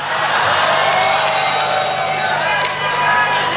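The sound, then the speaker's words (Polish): A large concert crowd shouts and cheers in a loud, continuous roar, with scattered high whoops rising above the steady wall of voices for the whole few seconds. “I bardzo była smutna, że tak nie krzyczeliście na jej koncercie.”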